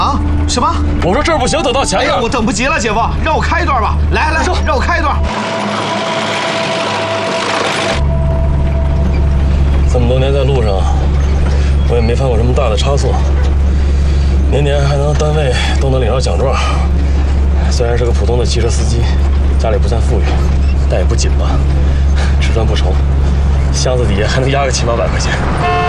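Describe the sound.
A steady, low engine drone of a vehicle on the road runs through nearly the whole recording, with voices talking over it; briefly the rumble drops away under a burst of hiss.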